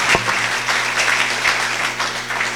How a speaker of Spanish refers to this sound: Desde este bello lugar y esta bella gente, que con gozo le decimos fuertes aplausos a todos los que nos miran en otros países.